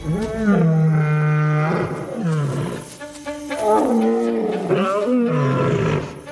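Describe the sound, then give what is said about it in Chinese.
Several lions of a pride roar one after another in the dark in Africa, deep and loud, in four long, moaning calls that swell and fall, with overlapping voices and no talking. “一切准备就绪，狮群成员纷纷发出吼叫声，这似乎是捕猎行动开始的信号。”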